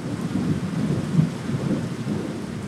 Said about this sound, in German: das süße kleine Gewitterchen geht.